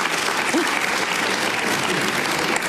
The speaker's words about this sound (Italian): Facciamogli un applauso di incoraggiamento.